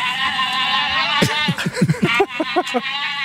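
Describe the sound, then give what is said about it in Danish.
Brazilian giant otters call in a noisy group: a sustained, wavering high squeal runs throughout, joined midway by a rapid series of short, yelping cries that rise and fall. “Det er kæmpe ådder.”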